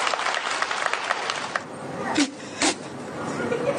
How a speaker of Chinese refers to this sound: 他要是说这话了，这样各位，我带头，咱们一块儿鼓鼓掌，羞臊羞臊他们爷俩，各位怎么样？行吗？